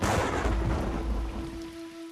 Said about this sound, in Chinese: 天色渐晚，大雨滂沱，雷鸣闪电。